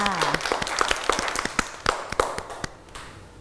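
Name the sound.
children clapping hands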